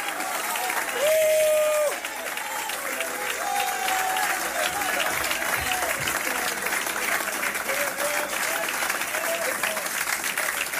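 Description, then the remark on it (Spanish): A church audience applauds God steadily throughout during worship, dense clapping at an even loudness, with a few voices and a sustained tone rising briefly near the start. “Si crees que Él se merece que le aplauda, apláudalo.”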